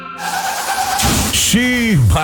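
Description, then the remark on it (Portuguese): A car skids with a steady, high tire squeal lasting about a second, then breaks into a loud, noisy crash with scattered debris, followed by a falling vocal-like wail. “Bateu, mas meu carro tem Álamo.”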